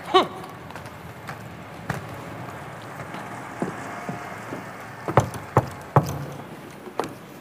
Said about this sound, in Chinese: 听见没有？多么正常不过的敲门。